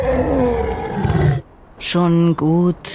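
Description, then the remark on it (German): Someone talks briefly, then after a short pause two loud lion roars follow in quick succession, each a strained, growling burst lasting under half a second. “Schon gut, sagte der Löwe”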